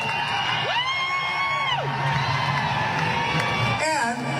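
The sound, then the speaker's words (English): A concert crowd roars loudly and steadily, with some people chanting USA and booing, one voice letting out a long, drawn-out shout that rises and falls early on, and more yells breaking through near the end. “Some people start chanting USA.”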